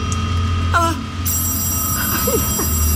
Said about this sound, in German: Ah, das Telefon.